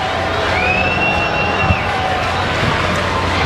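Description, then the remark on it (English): A steady, dense roar of a sellout stadium crowd at a night baseball game against the Marlins, murmuring and buzzing continuously, with a brief whistle-like tone rising above the din early on. “The fans tonight, it's a sellout crowd, have been dying just to rock.”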